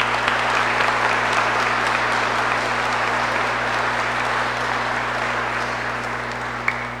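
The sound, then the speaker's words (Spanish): A crowd applauds the mothers of Amagá at a Mother's Day event, a dense, even wash of many hands clapping at constant loudness for about seven seconds, with a low steady hum underneath and no voices. “Bueno, yo quiero también darles un saludo muy especial a todas las madres amaquenses y todos los hombres, démosle un aplauso enorme que se escuche hasta Bogotá, por favor.”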